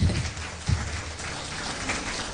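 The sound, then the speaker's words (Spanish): An audience applauds in praise of God, a dense, steady wash of many hands clapping that holds at an even level throughout, with a couple of low thumps near the start and no voices over it. “Denle un aplauso que vive y permanece por los siglos de los siglos.”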